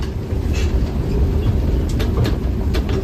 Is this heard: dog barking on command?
no